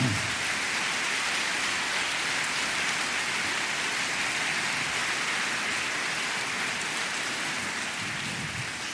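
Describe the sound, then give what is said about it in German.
An audience applauds the lighting department at an evening stage reading, a dense, steady wash of clapping that holds a constant loudness for about nine seconds, fading slightly at the end, with no voices heard. “Und das verdient auch wirklich einen großen Applaus.”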